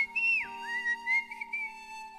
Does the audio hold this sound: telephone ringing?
no